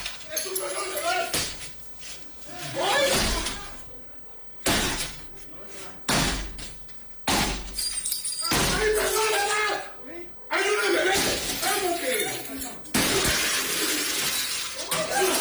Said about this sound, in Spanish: Observa a dos sujetos con capuchas y armas largas tirar la puerta del acceso de la vivienda ubicada en el municipio de Nanchital.